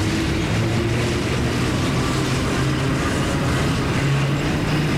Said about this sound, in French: Métro arrive.